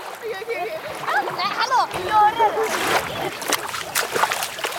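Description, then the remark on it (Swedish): Water splashes and sloshes in a run of bursts as a boy climbs out of ice-cold water at a bay near Kollogården during an outing, with voices calling out over the splashing. “har precis kommit upp ur vattnet.”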